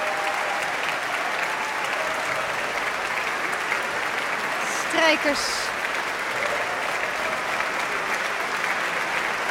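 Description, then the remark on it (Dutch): A large concert audience applauds the orchestra musicians steadily as the double basses are acknowledged, the dense, even clapping filling the whole stretch without letting up, while a voice speaks briefly over it partway through. “Contrabassen krijgen applaus.”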